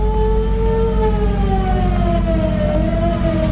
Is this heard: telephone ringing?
no